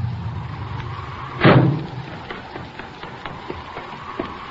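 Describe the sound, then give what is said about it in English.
A car engine rumbles low as a car arrives, then a single heavy door slam cuts through, followed by a quieter stretch with faint scattered clicks and no talking. “Here comes a car.”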